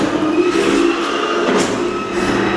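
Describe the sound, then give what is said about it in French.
A battery-powered, fully electric stair-climbing chair carrying a seated, belted person climbs stairs step by step, its motor humming and whirring steadily and fairly loudly, a continuous mechanical drone with a faint rising whine and no voices. “Et en fait, avec le moteur de la chaise, elle monte les escaliers marche par marche.”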